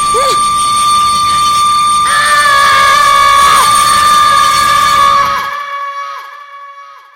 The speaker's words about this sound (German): Dann ließ ihn ein schriller Pfiff zusammenfahren. Er riss die Arme hoch, noch bevor er den Zug sah, der auf ihn zufuhr.